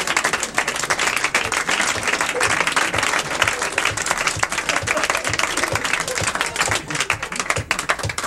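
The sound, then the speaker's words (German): A crowd applauds steadily, dense clapping filling the whole stretch at a constant, fairly loud level with no pauses and no clear voices. “Jetzt klatscht er.”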